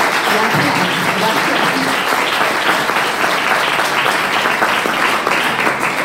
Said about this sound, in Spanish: Un aplauso a vosotros por estar aquí.